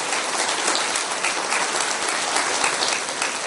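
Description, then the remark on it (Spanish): Sustained applause for the Lord from a crowd, a dense steady wash of many hands clapping at an even, loud level throughout with no pauses. “¡Aplauso para el Señor!”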